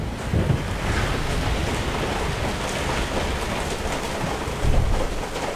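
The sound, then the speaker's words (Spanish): Steady rain dripping into pots, a dense, continuous wash of watery patter that stays fairly loud throughout, with a couple of slightly heavier bursts and no voices. “Es nuestra versión de cantando bajo la lluvia. Con ollas.”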